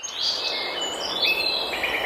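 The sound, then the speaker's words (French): A dense dawn chorus of birds singing, overlapping high chirps and trills filling the air continuously at a steady moderate level, with no voices. “Mais est-ce que vous pensez aux oiseaux, justement, à 9h12?”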